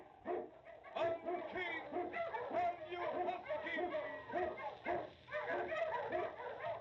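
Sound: sled dog barking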